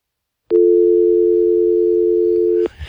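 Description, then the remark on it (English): A loud, steady telephone dial tone after a dropped phone call starts abruptly and holds unbroken for about two seconds, then cuts off, leaving faint background noise. “Sorry, Richard. Dial back and see if we can stay connected.”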